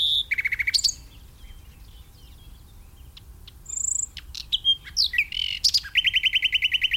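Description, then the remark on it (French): A European robin sings alone, a varied run of high thin whistles, quick trills and sharp chirps, with pauses between bright phrases and buzzy repeated notes closing the song. “Voilà un autre candidat pour être parmi les plus fréquents en France, c'est le rouge-gorge”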